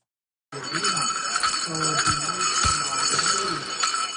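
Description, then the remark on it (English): Many small metal bells on a jingle dress, a piece of Indigenous regalia, jingle in a steady, bright shimmer for about four seconds, with irregular rhythmic accents and faint voices murmuring underneath. “And those are the sounds of some bells on a jingle dress.”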